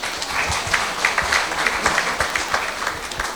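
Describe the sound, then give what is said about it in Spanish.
A crowd applauds steadily to welcome the invited speakers, dense overlapping claps forming a continuous bright wash of sound at a fairly even loudness for a few seconds, with no voices on top. “Recibámoslo con fuertes aplausos.”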